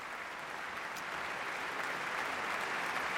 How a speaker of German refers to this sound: Und er erhält viel Applaus, großen Beifall für Kazuki Yamada.